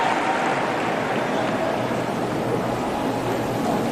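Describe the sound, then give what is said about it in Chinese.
A large crowd at a women's singles tennis final cheers as the camera shows Ronaldo, in a steady, dense roar that holds at an even level throughout, with no single voice standing out and no talking over it. “镜头给到了罗纳尔多，现场的观众也是一片欢呼。”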